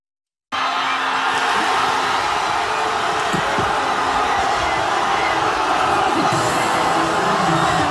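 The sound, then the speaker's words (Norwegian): A dense, roaring crowd cheers continuously in the streets of Madrid after Spain won the football World Cup final 1-0 against Argentina in extra time, a wall of shouting and whooping voices that holds steady and loud after a sudden start, with no single voice standing out. “I hovedstaden Madrid var det vill jubel i gatene da kampen var over.”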